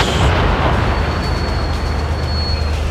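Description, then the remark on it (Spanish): Heavy booming of ceremonial cannon fire, fired at 12:13 in Plaza Sotomayor for the 147th anniversary of the naval Battle of Iquique, rolls out as a loud, rumbling wash of low-end blast noise and echo that fills the whole moment without any talking. “Son los cañonazos que se están dando.”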